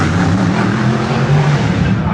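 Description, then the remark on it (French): Racing car engines roar loudly and continuously, a dense drone with a steady low growl that barely varies over a couple of seconds, as a packed crowd stands behind barriers to hear them. “La foule est compacte derrière les barrières pour entendre rugir les moteurs.”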